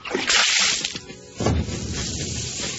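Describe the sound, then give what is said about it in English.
A loud whoosh of bath water flung from a bucket onto a burning TV, followed by a heavier splash and a lingering hiss of spattering, dripping water, with no voices. “He threw the water on the TV and all the lights went out in the house.”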